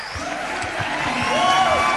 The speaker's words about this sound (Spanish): aplauso para los músicos. Muchas gracias.